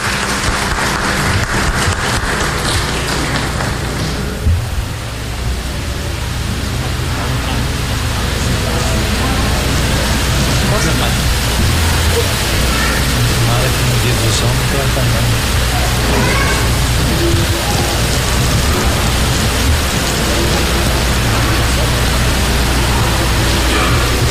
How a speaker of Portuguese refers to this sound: Nós temos agora um pequeno kit. Número 99. Pronto, uma salva de palmas.